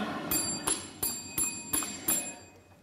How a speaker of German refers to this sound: Sie haben die Glocke geschlagen.